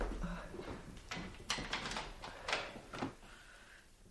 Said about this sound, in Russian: Ну, на всякий случай я закрою дверь.